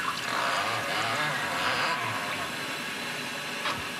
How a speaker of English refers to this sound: So we're going to pour just a little bit of warm water into the infusion chamber and let it steep for about 45 seconds. You can just pour your water right here.